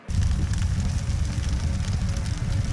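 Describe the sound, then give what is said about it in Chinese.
Burning tree branches crackle and pop steadily over a dense, rushing roar of flames, fairly loud, with no voices throughout; heard at dusk at a battle position after Japanese artillery shelling had stopped. “傍晚时分，日军停止了炮击，除了树枝燃烧的噼啪声，周围的一切显得一片寂静。”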